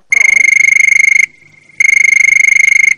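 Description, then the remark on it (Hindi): A telephone rings twice in the Vividh Bharati radio studio, each ring a loud, high-pitched electronic trill lasting about a second, separated by a brief pause. No one speaks over it. “देखिए ना, फोन की घंटी भी बज उठी है।”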